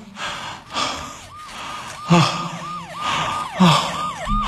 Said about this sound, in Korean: 멀리서 구급차 사이렌 소리는 들리는데 아무래도 나를 잘 못 찾는 것 같다.